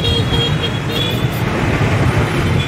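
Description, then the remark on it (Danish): Steady street traffic with scooter engines droning past, a constant low rumble and whine filling the whole stretch, with no voices. “Sitting in the street, eating something out of a bowl that I'm not exactly sure what it is. Scooters going by.”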